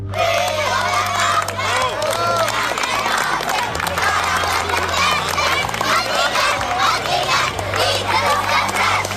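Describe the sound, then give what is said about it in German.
Hundreds of children sing the traditional song 'Fürjo, der Bach brennt' at the Bachfischen custom, walking with colored lanterns through the Aarau old town. Their many voices are loud and continuous, blending into a dense, lively chant over a steady low drone. “Fürjo, der Bach brennt, das singen morgen am Bachfischen die hunderte Kinder, die mit farbigen Laternen durch die Aarauer Altstadt ziehen.”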